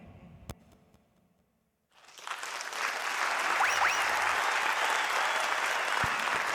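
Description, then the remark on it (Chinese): After a brief hush, an audience breaks into sustained applause, a dense wash of clapping that swells quickly and stays loud and steady to the end, with a couple of faint whistles partway through. “谢谢， 谢谢， 感谢， 感谢，感谢大家默默的掌声，我拢有收到啊、”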